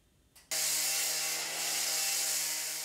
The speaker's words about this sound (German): Laute Bauarbeiten da, wo eigentlich längst alles fertig sein sollte.